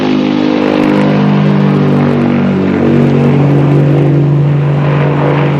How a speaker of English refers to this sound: Moments later, the plane lifts off.